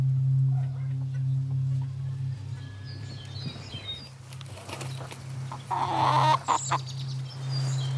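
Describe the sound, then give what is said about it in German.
A flock of Padovana chickens in a modern coop cluck and chatter over a steady low hum, with a brief louder burst of squawking toward the end. “Modern der Stall, farblich abgestimmt die Paduaner Schar.”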